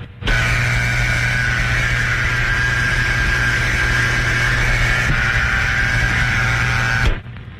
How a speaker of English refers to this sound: The dial tone is the equipment's way of telling you that it's ready to put through your call. As Mr. Johnson pointed out, it's the same as an operator saying, number please.